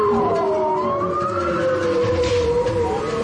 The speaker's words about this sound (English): We're listening to the underwater sounds of bowhead whales recorded off the coast of Alaska. For the first time, scientists are using sounds to take a census of these animals.